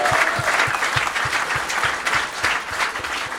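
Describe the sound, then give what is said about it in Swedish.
A crowd applauds steadily for a few seconds, a dense wash of many hands clapping at an even, fairly loud level, with a faint regular thump running underneath. “Och det finns absolut ingenting som är kontroversiellt, så det är applåd för.”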